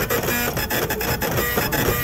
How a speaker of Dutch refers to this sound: Dit is het begin van een kassabon. Het geluid van een kassabon.